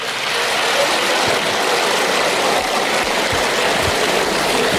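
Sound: audience applause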